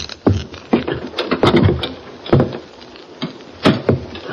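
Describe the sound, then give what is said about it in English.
An unlocked door to a room above a dance hall, reached by a back stairway, is handled and opened with a series of sharp clunks and rattles followed by a short creak and a final knock, no voices present. “Try the door.”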